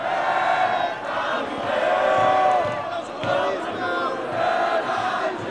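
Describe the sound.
A large crowd in Paris sings the Marseillaise, the French national anthem, together as a World Cup match between France and Morocco wraps up around midnight: a loud, sustained wall of voices with swelling phrases and some shouting mixed in, continuous throughout.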